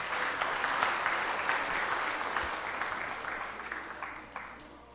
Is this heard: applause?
yes